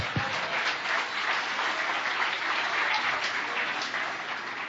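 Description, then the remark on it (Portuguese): Sustained applause from a large church audience in praise of the Lord Jesus, dense and steady clapping continuing for several seconds at a fairly loud, even level with no voices standing out. “As palmas louvam ao Senhor Jesus.”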